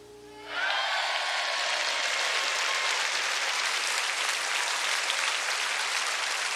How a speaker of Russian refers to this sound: Зал поднялся, стал неистово хлопать. Отовсюду неслись крики «Браво! Бис!».